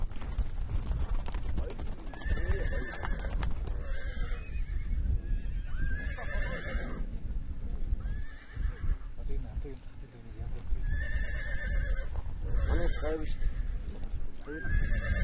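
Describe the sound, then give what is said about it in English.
A strong horse, about 3 years old, whinnies loudly several times in agitated bursts as nomads catch it with a looped pole to train it as a steed, amid clattering hooves and a steady rumble of commotion, with human voices mixed in. “They have chosen a strong horse, about 3 years old.”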